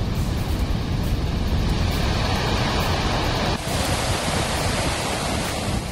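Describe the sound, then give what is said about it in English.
A powerful, continuous roar of water gushing through multiple open spillway gates at Salal Dam on the Chenab River in Riyasi, Jammu and Kashmir, India, released in a controlled manner after heavy rain upstream. Dense and loud with no breaks and no voices. “A sharp rise in Chenab River water levels following heavy rain in the upper catchment areas has prompted the opening of multiple spillway gates”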